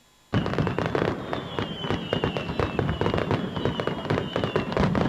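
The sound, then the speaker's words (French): Fireworks crackle and pop in a dense, continuous barrage of sharp bursts, with a few whistling streaks rising above the constant rapid explosions. “Dans le cadre de leur fête à Sauvé-Singe les 15 et 16 août, alors un feu d'artifice était prévu, mais bon, un arrêté préfectoral interdit les feux d'artifice.”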